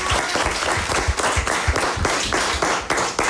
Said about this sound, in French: Et comme nous sommes en public, puisqu'il y a toute l'école qui est là devant nous, ben je vous propose qu'on applaudisse tout le monde.